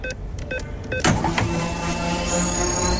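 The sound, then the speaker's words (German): The Radio Regenbogen fuel card (Tankkarte) top-up sound effect, played on Radio Regenbogen between songs: three quick electronic beeps, then a sudden loud burst that gives way to a steady mechanical whirring with a thin high tone drifting upward. No one speaks. “Dann können wir euch was Gutes tun, wenn sie aufgeladen wird. So klingt das.”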